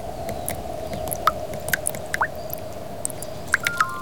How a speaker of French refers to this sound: Oh, il pleut, dit Malo.